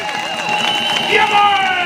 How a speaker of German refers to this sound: Wenn ihr noch ein bisschen lauter und noch ein bisschen lauter ruft und klatscht, vielleicht reißt der Deck auf und es wird sonnig, blau und helle!